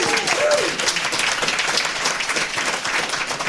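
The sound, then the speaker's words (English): A live audience at Linux Fest bursts into sustained applause, dense overlapping clapping filling the room at a steady loud level, with a few faint cheers or whistles rising briefly near the start. “So everybody in the room, give the listeners back at home a big hello and a round of applause for yourselves and for them.”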